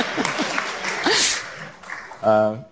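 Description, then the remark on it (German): An audience claps in a steady, dense patter of many hands, moderately loud, fading slightly before a voice breaks in at the end. “Ich wollte was gegen einen Dobusch sagen, aber der hat zu viel Applaus.”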